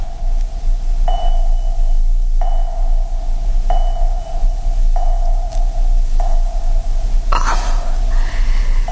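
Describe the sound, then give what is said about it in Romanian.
An unborn baby's heartbeat during pregnancy comes through a doctor's monitor as a steady series of tonal, throbbing pulses, about seven in a row at an even pace, over a constant low electronic hum. “Da, sunt bătăile inimii copilului.”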